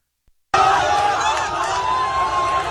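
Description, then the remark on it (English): After a brief silence, a loud crowd in the street erupts into continuous screaming and cheering as people march and drive a pickup truck carrying bodies through the streets, a dense roar of many voices that holds steady, with a thin sustained tone running through it. “Everybody's screaming, cheering as they're marching and driving the bodies through the streets.”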